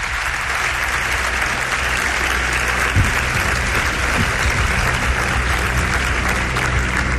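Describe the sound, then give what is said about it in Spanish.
Sustained audience applause fills the space, a dense steady clatter of many hands clapping at once, loud and continuous from start to finish with no voices breaking through. “Un aplauso para él, os pido.”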